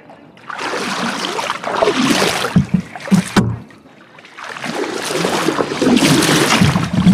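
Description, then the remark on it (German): Water sloshing and splashing around a flat punt as a long pole reaching the riverbed pushes it along the Neckar river, in two long surges with a few wooden knocks in between, fairly loud, no talking. “dann stochere ich wie mit einem Zahnstocher im Neckar und schiebe diesen flachen”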